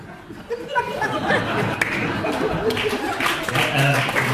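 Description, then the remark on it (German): An audience breaks into scattered clapping that builds into steady applause, mixed with crowd chatter and a little laughter. “Zwischen den Lichten wird nicht geklatscht.”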